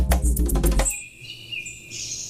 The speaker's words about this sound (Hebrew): אפילו יש כאן בסוף מיד את הציוט של הציפור.